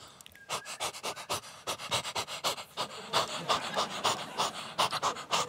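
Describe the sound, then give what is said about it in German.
A person imitates a female dog panting when whistled for, with quick, breathy huffs repeated in a steady rapid rhythm, fairly loud, with no other talking. “Und meine Hündin immer so.”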